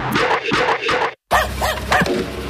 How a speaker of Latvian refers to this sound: Tas suns reit tieši man ausī, bet nu, uzklopēja gan ātri.